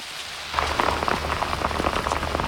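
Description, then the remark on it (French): Rain patters steadily on a hood, a dense spray of quick drops with sharper taps scattered through, starting abruptly after a brief hush and continuing at an even, moderate level. “Oh, mais vous avez fini de cogner sur ma capuche?”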